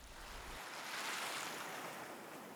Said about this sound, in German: In den Muscheln ist das Rauschen des Meeres zu hören.